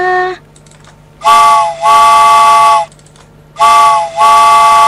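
A loud train whistle sounds in two pairs of long, steady chord-like blasts with short gaps between them, preceded by a brief faint tone, as the second train departs; no one speaks.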